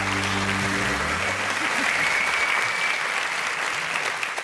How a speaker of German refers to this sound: Applaus.